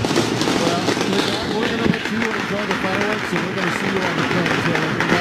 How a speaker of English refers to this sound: We were going to ask him another one, but these fireworks just started.